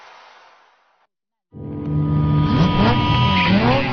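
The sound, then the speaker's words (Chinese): After a brief muffled rush and a moment of silence, a car engine roars in loud, its pitch climbing in repeated surges as the accelerator is floored. “油门踩到底”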